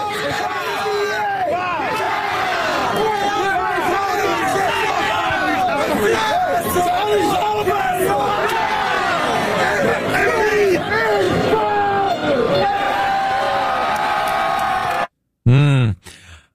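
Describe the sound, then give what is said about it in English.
A large crowd at a parade yells and screams nonstop while people jump on and destroy police cars, many overlapping voices rising and falling in a loud, dense roar for about fifteen seconds before cutting off abruptly, followed by a brief lone voice. “And yelling and screaming and whipping police cars with a belt.”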